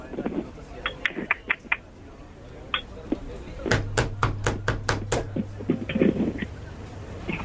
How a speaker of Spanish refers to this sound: ¿Quién toca la puerta?